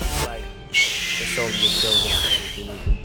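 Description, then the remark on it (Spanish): A high, thin whistle sounds in drawn-out, gliding tones, like a street vendor's whistle, with voices murmuring underneath and some background noise throughout. “Aunque viendo ese video, bien podría decir que un sonido que me recuerda a mi niñez es... fueron los silbadores. El sonido de los silbadores.”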